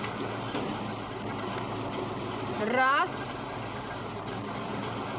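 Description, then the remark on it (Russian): A bus engine idles in a low, steady rumble, then briefly revs up with a rising whine as the bus pulls away. A voice speaks a single word over it. “Автобус отъезжает.”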